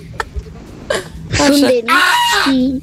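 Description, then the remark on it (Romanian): On a Radio Impuls morning show, a person imitates a goat, letting out two drawn-out, quavering bleats with a trembling, wobbling pitch, loud and alone after a few short breathy clicks and gasps. “Aia a fost capra care vede facturi”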